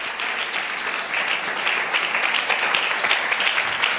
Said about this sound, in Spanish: Si ese aplauso es para Cristo, gloria a Dios. Ese aplauso es para Cristo, que sea el mejor de los aplausos.